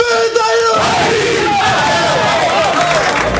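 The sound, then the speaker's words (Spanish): Athletic team players in their locker room shouting together in a loud, sustained battle cry, many voices overlapping in a dense, echoing roar that carries on for a few seconds. “Mantiene la tradición del Athletic de rezar en el vestuario. Y ahora el grito.”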